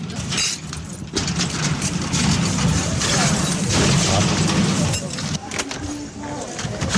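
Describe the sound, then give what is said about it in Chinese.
Metallic rattling and scraping as the wrong key is jiggled repeatedly in a door lock, continuous and fairly loud, with muffled voices and background noise underneath. “钥匙不对了。 钥匙一直是在你这边。”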